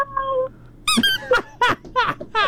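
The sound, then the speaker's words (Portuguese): A voice imitates a kitten: a short, thin, steady squeak followed by about five high, wavering mews in quick succession, each rising and falling in pitch. “Gatinho? Como é que é o gatinho?”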